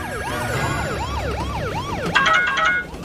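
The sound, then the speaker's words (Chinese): A police car siren wails loudly, lights on, as it escorts a tomato delivery, sweeping up and down in quick repeating cycles, then switching to a faster, choppier pulsing tone before cutting off. “警笛响起，警灯亮起。”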